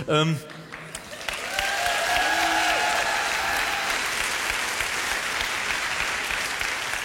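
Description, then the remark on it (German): A short vocal sound opens, then steady, dense audience applause swells in and continues evenly to the end, with a single drawn-out boo rising faintly through the clapping, at a performance of the musical Mozart. “Viel Applaus, ein Buh.”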